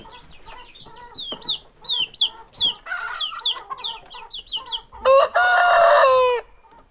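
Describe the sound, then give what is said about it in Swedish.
Several chickens cluck in short, choppy bursts, followed by a loud, sustained rooster crow near the end. No one speaks. “Här har vi kycklingar.”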